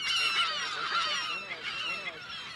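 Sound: california gull colony calling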